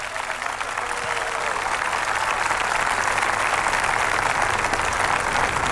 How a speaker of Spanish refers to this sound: Aplausos en la intervención de este joven senegalés